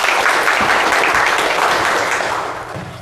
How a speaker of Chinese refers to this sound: 那么接下来呢就请我们蜘蛛打理小组代表啊给我们说一说他们的方案，大家掌声欢迎。